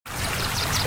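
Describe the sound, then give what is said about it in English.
Rushing water from a waterfall, a steady, dense wash of splashing noise that starts abruptly and holds at a constant loud level for under a second, with no voices. “Hikes to waterfalls and swimming holes, and music-filled summer nights.”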